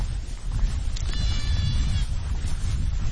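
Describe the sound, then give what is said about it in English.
A goat on a hill gives a single drawn-out bleat, rising above a steady low rumble of wind or outdoor background noise on open ground. “Back on the hill, with the goats, the gentleness overwhelms me.”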